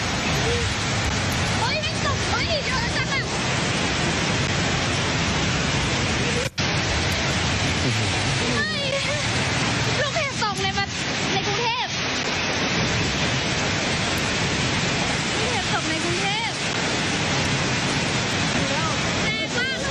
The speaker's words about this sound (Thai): เกิดฝนตกพร้อมกับลูกเห็บในหลายพื้นที่ของกรุงเทพมหานครนี่ฮะ